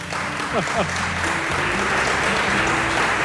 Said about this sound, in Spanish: El profesor se merece un aplauso.